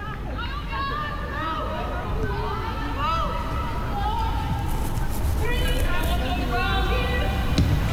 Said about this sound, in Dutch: Maar daar is Liefdink. Met het applaus.